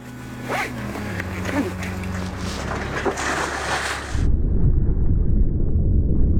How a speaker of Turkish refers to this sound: Dalgıç suya daldı.